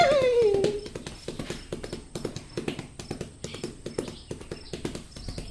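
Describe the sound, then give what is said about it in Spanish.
A ridden horse gallops at full speed, its hoofbeats pounding in a quick, continuous rhythm, with a brief high whinny at the very start. “La cosa, amigos, es que Chepe pasó a toda carrera en el caballo.”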